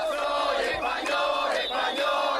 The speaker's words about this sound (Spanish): En la capital, unas 14.000 personas se han manifestado, 2.000 en Motril. Reclaman soluciones urgentes. También se han escuchado gritos de dimisión contra el gobierno.